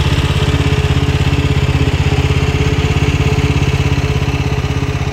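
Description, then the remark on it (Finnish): The engine of a BeachTech Sweepy Hydro, a motorized beach cleaning machine likened to a snowblower combined with a ride-on lawnmower, runs steadily: a loud, continuous putt-putt rumble with a fast, even pulse and no pauses or voices. “Tätä vehjettä voisi ehkä kuvailla lumilingon ja päältä ajettavan ruohonleikkurin yhdistelmäksi. Se on siis moottorikäyttöinen laite”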